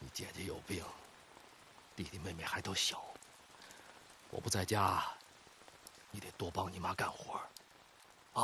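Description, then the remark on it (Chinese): Heavy rain at night hisses steadily in the background, leaking through the roof and onto the bed boards, as people hold a conversation in the foreground, the downpour forming a constant wash beneath their voices. “夜淋雨大，屋顶漏雨，床板这块也漏，我给你挡着点。”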